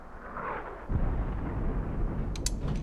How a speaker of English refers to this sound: They all become alert. Mortar shells. It's not ours. Peacekeepers must be shelling the rebels outside the city. That's not outside the city.